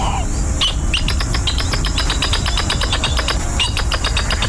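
Northern jacana (Jacana spinosa) calls: a fast, rattling series of sharp, squeaky notes repeated over several seconds, fairly loud, with a steady low rumble of outdoor background noise underneath.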